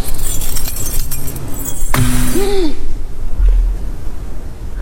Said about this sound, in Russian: Бросила ключи. Хочет показать, что не хозяйка здесь.